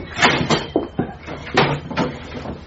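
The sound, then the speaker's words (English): An ironing board is pulled out and handled, giving a run of wooden clatters, bumps and scrapes, several knocks in quick irregular succession, fairly loud, with no talking. “Right, where's the iron board?”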